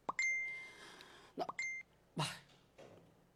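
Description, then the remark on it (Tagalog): A cellphone notification chime for an incoming chat message sounds twice, a bright steady electronic tone repeated after a short pause, fairly clear, among a few soft clicks and thumps. “May notification.”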